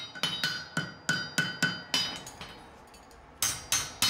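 A farrier's metal hammer blows ring out on a horseshoe as he forges a so-called Zehenrichtung (rolled toe), a steady run of sharp clanging strikes with a bright, ringing tone, a brief pause, then a few more blows, with no voices.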